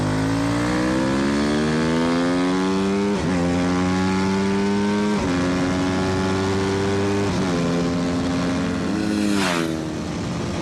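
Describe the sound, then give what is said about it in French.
A loud racing motorcycle engine revs hard and climbs in pitch, with four quick gear shifts that each briefly drop the tone before it rises again. No one speaks. “Et puis, le freinage et d'une progressivité, c'est vraiment l'école de la moto de course, quoi.”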